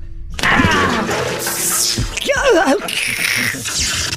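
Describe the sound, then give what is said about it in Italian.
A loud whoosh and splash of water being thrown from a bucket at a robot, a broad noisy gush lasting a few seconds, with a brief wavering, warbling cry rising out of it partway through. “Adesso ci penso io, con la secchiata d'acqua.”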